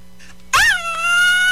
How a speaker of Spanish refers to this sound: Ahí está, para los que estaban pidiendo un grito.